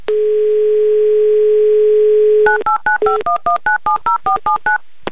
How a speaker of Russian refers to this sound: Набран номер телефона Елены, звоним в Ижевск. Как только пойдут гудки